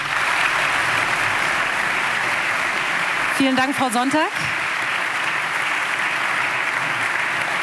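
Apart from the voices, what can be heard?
audience applause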